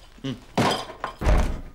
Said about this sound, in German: Kühlschrank zu.